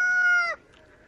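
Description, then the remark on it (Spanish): A voice imitates a rooster's crow as the start of a song, one sustained, harmonic-rich cry lasting about half a second, then cuts off into quiet. “Al principio canta como gallo.”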